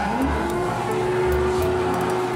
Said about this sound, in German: Ja, jetzt sauge ich dir die Federn wieder ab. Ach, das ist ein großer Staubsauger.